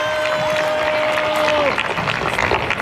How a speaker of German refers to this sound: In Applaus mischen sich Buhrufe.